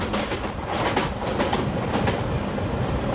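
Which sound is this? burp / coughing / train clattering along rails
train clattering along rails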